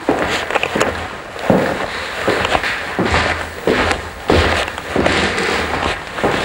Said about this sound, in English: You're listening to footsteps on the wide oak stairs where the musicians assembled at Wagner's house in Switzerland.